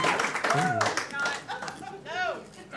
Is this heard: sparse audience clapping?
yes